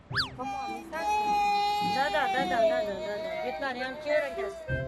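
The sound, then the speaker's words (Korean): A young child, the youngest of the family, fusses and cries in a sustained, high-pitched whine that wavers up and down, opening with a short rising yelp and staying fairly loud for several seconds, on an unusually hot day in Daegu. “피곤도 한데다 아마도 더워서 그랬는지 막내의 투정이 시작됐는데요.”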